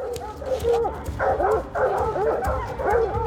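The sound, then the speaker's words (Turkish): Several dogs bark and yelp repeatedly in an overlapping chorus, fairly loud, with bursts every half second or so over a low rumbling background. “Önümden köpeklerin havlamaları geliyor.”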